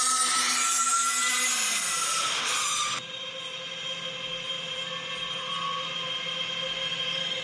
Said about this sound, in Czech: A ten zvuk teda není vůbec, ale vůbec příjemný. Já tady mám jedno datacentrum z Massachusetts a z Ameriky, a ten zvuk já vám ho pustím tak jako z mobilu, abyste měli jen tak jako zhruba představu, jo? Jak to zní?